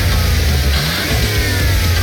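A car engine revs loudly, a steady deep rumble with rising and falling pitch sweeps throughout, no voices present.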